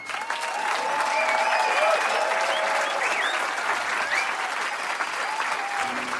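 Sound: audience applause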